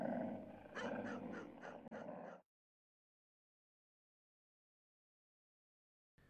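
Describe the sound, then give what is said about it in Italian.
Fearsome border dogs growling and snarling for about two seconds, loud and rough with a few sharp bursts, then the sound cuts off into silence. “Troverai nella scatola i pupazzetti di Vittorio Emanuele e famiglia, una cartina aggiornata dell'Italia e i temibili cani di frontiera.”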